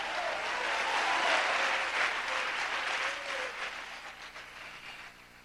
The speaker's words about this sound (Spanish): Un aplauso por la palabra de Dios, aleluya.